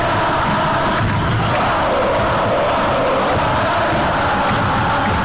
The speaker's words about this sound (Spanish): Quedan 3 minutos y la gente salta, grita, canta. Al compás se mueve el equipo de Almirón.